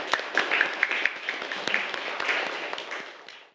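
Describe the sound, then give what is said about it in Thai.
A group of students in a class applauds their classmates after a group presents a local-wisdom career activity. A dense patter of many overlapping claps holds a steady moderate loudness and tapers off toward the end, with no talking. “ปรบมือเพื่อนค่ะ”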